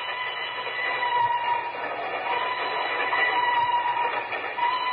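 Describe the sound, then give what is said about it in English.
A train rolls steadily across a trestle bridge over a gorge about 1,000 feet deep between two mountains in Nigeria, West Africa, near midnight. Its continuous rattling rumble and clatter stays loud throughout, with no voices. “Two men stand on the swaying observation platform of a train which winds its way across a yawning chasm between two mountains.”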